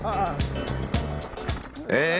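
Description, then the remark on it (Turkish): A small Velosolex moped engine runs as the moped is ridden off puffing blue smoke, a rough, buzzing chug, loud and steady, marked by regular pulsing bursts about every half second and a rising whine near the end. “Sesi motosikletten çok darbeli matkaba benziyor ama ilk Volesolex'imiz kesinlikle çalışıyor.”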